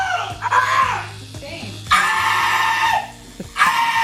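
An adult man screams and wails in drawn-out, strained bursts while getting a tattoo, about three loud cries separated by short gasps, while a tattoo machine keeps up a steady low electric buzz underneath.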